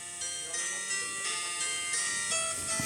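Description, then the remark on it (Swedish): Two tinkling, music-box-style jingles from competing ice cream vans, played as the vans drive, sound over each other, their bright melodies clashing in a steady, moderately loud stream with no pauses. “Ja, ja där har vi dem faktiskt, de här konkurrerande olika då, som de kör och spelar upp samtidigt.”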